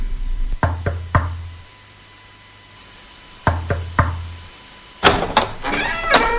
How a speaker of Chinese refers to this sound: 我们到了，就这家， 就这家， 我来敲门吧。